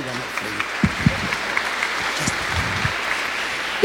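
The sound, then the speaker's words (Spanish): A crowd at a church tribute to mothers claps steadily throughout to welcome singing sisters, a dense, even wash of applause with scattered voices and a few shouts mixed in underneath. “Las vamos a recibir con un fuerte aplauso, por favor.”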